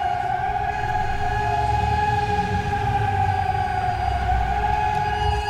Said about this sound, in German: Und wenn man jetzt hier mal aus dem Fenster, ich versuche jetzt mal das Mikro einfach aus dem Fenster zu halten, dann hört man ja auch sehr schön die Sirenen im Hintergrund. Also hier im Stadtgebiet, ordentlich laut.